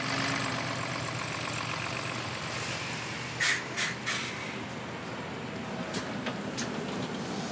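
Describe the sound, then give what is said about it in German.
A bus engine runs with a steady, dense rumble and broad road noise throughout as the bus is being driven. A few brief hissing bursts cut in around the middle, and no one speaks. “Ich bin Bus gefahren.”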